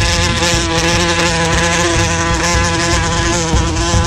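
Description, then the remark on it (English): Wasps buzzing loudly and continuously, a dense, steady droning hum that holds for the whole few seconds with no voices. “Wasps are social creatures and live in nests of about 10,000 wasps.”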